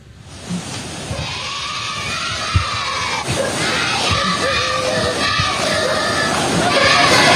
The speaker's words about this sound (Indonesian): Sebuah rekaman milik warga memperlihatkan sejumlah siswa dari SD Negeri Olfab di Timur Tengah Utara, Nusa Tenggara Timur menyorakkan yel-yel ayo maju-maju kepada sejumlah ASN.